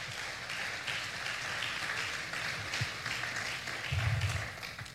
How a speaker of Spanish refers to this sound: Alguien, un aplauso a Jesús, por favor.